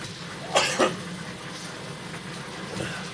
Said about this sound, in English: Sorry for the coughing. This is a very dry machine I'm sitting next to.